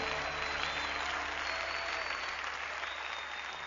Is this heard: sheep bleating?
no